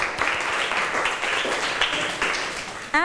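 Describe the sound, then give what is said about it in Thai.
A class of students applauds two classmates steadily for about three seconds, a dense, even patter of many hands clapping at once, ending with a brief high-pitched squeak. “ขอบคุณสำหรับคำตอบค่ะเพื่อนๆคะปรบมือให้เพื่อนทั้งสองหน่อยค่ะ”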